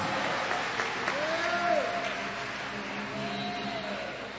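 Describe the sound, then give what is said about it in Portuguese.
A crowd claps steadily and densely in praise of God, a sustained wash of applause with a few voices calling out above it, at a constant level. “Aplaude a Ele e dá glória a Deus aí.”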